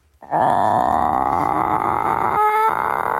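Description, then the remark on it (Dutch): A voice imitates the long, drawn-out call chickens make when meeting someone new, a friendly, curious greeting: one steady, buzzy, sustained tone lasting about three seconds, briefly lifting to a thinner, higher note near the end. “Het geluid wat ik het vaakst hoor bij nieuwe kippen, en die dus een nieuw iemand ontmoeten, is een soort langgerekte.”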